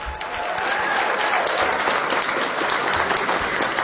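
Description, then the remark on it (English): An audience at a televised debate between two candidates for the Democratic nomination in New Mexico's 2026 gubernatorial race claps for the jury, steadily, a dense, even wash of applause that holds at full loudness for a few seconds without any voices over it. “Everybody applaud for the jury.”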